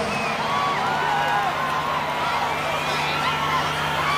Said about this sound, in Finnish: Joo, aikamoista huutamista. En taas muistanut, että tämä kappale, missä ei lue, että live oli live-taltiointi. Mutta tunnistin sen yhden naisen siinä alkupuolella. Ei tiennyt hänkään varmaan karjuessaan, että tulee nauhoitukseen tuo kiljahdus